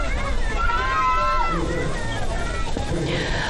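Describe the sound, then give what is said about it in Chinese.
A crowd of spectators at a cowhide boat race in Lhasa's Binhe Park, on the Lhasa River, cheers and shouts for the 20 racers from Junba fishing village in a steady, dense hubbub, with a few raised voices rising and falling in pitch above the continuous roar. “在现场我们也可以听到我们今天下午现场的观众也是热情高涨哈，也是用欢呼声来为我们的各位选手呐喊加油鼓劲儿。”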